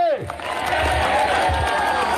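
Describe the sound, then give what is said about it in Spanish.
A large crowd at a sermon shouts "¡Cristo viene!" (Christ is coming) into the ears of those beside them, all at once, a loud, dense, overlapping roar that fills the space, opening with one rising-and-falling cry before the din swells. “Grítele al que está a su lado en el oído, dígale, ¡Cristo viene!”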